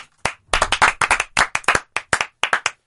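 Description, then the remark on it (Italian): A short burst of applause: sharp, distinct hand claps in a quick, slightly uneven rhythm, fairly loud, from what sounds like a handful of people, with no voices over it. “Siamo un applauso.”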